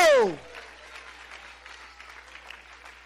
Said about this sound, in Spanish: ¡Aplaude a Cristo!